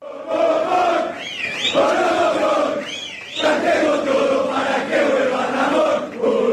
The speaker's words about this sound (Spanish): También en el hall. Hubo un clima que... Sí, se gritó de todo en el hall, pero se pidió por un entrenador. Hay gente que quiere la vuelta de este señor.